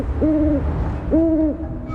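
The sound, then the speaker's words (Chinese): A female great grey owl perched on a tree branch gives two drawn-out begging calls for food, each about half a second long, mid-pitched and slightly wavering, separated by a short pause over a steady low rumble. “树枝上的雌鸟不断发出乞食的声音。”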